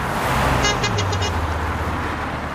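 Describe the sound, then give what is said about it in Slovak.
A green passenger car rumbles past on a newly reopened road, its engine note dropping as it goes, while it gives a quick run of about five short, bright honks as it approaches. “Keď sa priblížilo k Pištom, zatrúbilo.”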